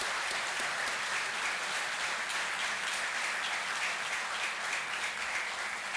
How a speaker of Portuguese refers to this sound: Então, a mesa foi aprovada por unanimidade. Pedimos uma salva de palmas para a mesa.